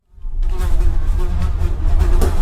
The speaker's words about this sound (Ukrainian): Тягнули вони, тягнуть, аж надлітає докучлива муха, сідає собі поважно на ріг одного вола і їде з ним помаленьку.